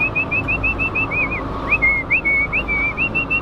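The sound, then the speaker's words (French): A poultry farmer whistles a steady, wavering tune for several seconds to announce his presence to his laying hens, on a farm with 16,000 hens in Blessant, France, over a low rumbling background noise with no talking. “On toque à la porte, et puis après on avertit de notre présence.”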